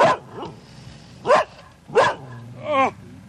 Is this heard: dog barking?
yes